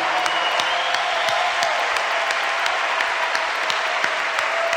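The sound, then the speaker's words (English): Sustained applause from a sizable audience at an evening donation event, given for the children present, a dense steady wash of many hands clapping at once, fairly loud and continuous throughout with no voices standing out. “And there's a decent number of kids out here tonight, too, so they should also just get a huge round of applause.”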